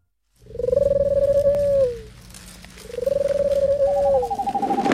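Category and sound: bird, owl hooting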